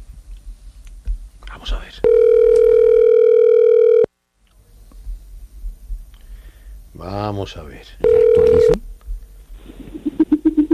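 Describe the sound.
A steady telephone dial tone holds for about two seconds, then after some speech a second short tone sounds, followed by a brief burst of rapid dialing beeps as a radio show dials a number again.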